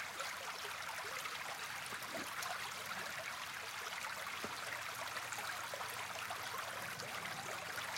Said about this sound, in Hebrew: וזהו, והעוגן שיש לנו היום, הכנתי לכם צליל מדהים, אשים לכם אותו צליל של מים, שאני מאוד מבסוט עליו. אתם כבר יכולים לשמוע אותו באוזניות.